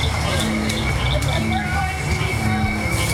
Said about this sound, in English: As the sky turns dark and the barely worn path is lit up by headlamps, more and more frogs start to sing.